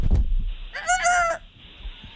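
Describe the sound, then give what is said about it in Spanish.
A single short rooster crow rings out, bright, after a brief low thump; no one speaks. “Dale, esos gallos.”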